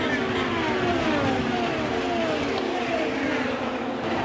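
A pack of race cars, about five wide, roars steadily and loudly heading into turn three, their high whining engine pitches sliding up and down as they accelerate past together, with a dense layer of crowd and track noise underneath.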